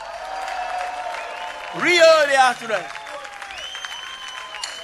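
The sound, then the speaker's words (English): Steady audience applause fills the whole stretch, a dense crackle of clapping, while a man shouts briefly over it partway through. “Give yourself a nice round of applause, y'all.”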